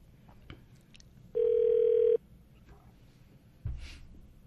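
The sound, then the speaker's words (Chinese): A single steady telephone ringback tone sounds for under a second as a phone call connects, loud and clear over a faint background hum, followed by a brief click and rustle. “嗯，好，听众朋友，稍等一下，电话通了。”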